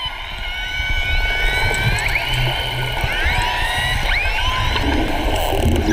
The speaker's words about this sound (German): Die Beluga-Wale, die ihr da hört, werden auch die Kanarienvögel der Meere genannt, weil sie so lustige Laute machen, die wie das Gezwitscher von Kanarienvögeln klingen.